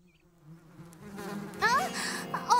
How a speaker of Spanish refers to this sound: Porque las abejas pican si las molestas. No las molestaré. Ya no viven en este panal.